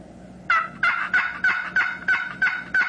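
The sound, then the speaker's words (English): A loud series of about eight wild turkey yelps made on a box call, a friction device, evenly spaced in a steady rhythm with raspy, high-pitched notes and no talking. “And that's a yelp.”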